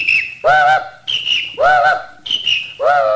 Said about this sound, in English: pretty soon they seen a big policeman, and he blew his whistle at him. The engine, he whistled right back. And for a minute, they just whistled back and forth.